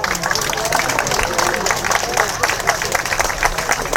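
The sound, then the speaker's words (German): Sustained audience applause, a dense steady patter of many hands clapping at an even loudness throughout, with a faint murmur of crowd noise underneath. The audience is welcoming a performer at a Scottish music event. “hier alles zusammenhält und jetzt sich über Applaus freut.”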